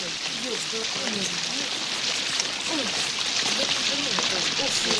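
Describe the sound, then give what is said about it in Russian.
Heavy rain pours down in a steady, dense hiss that never lets up, with faint, indistinct voices murmuring underneath. “Самый дождь, телефон сейчас промок, принесем.”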